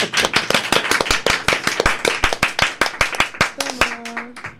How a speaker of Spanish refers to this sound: Wow. ¿Podemos aplaudir, por favor?